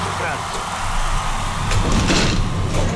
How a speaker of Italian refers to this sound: Cos'è? Cos'è questo rumore? Successo? Lei ha spostato una sedia? Sì.